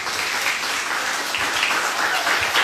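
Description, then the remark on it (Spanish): Loud, sustained audience applause at a contest, a dense wash of many hands clapping at a steady level throughout, with no distinct individual claps standing out. “Pues el aplauso fuerte.”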